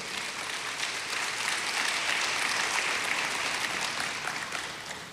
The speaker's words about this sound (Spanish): Aleluya, eso, dale un aplauso fuerte.